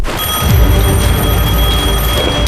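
A telephone rings loudly and continuously, a steady high, bright ringing tone over a low rumble, with no one speaking; it is an incoming call from Commander Chen.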